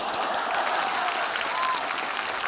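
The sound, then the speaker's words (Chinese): A crowd claps steadily in a dense, continuous patter of many hands, even in loudness throughout and heard alone without voices. “你还非得大伙给你鼓掌啊？”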